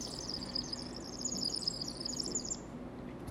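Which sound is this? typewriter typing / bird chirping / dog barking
bird chirping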